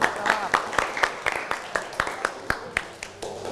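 A class of students in an English lesson claps their hands for a classmate's answer, a dense patter of many overlapping sharp claps keeping a quick, fairly steady beat for a few seconds at moderate loudness.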